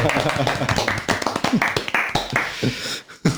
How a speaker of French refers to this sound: Merci beaucoup. Mais merci à vous. Et ça s'applaudit la poésie du coup